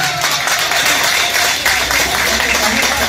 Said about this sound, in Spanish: Un aplauso para ella. Un aplauso para la compañera nuevamente, por favor.